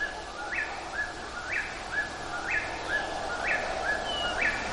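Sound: whippoorwill song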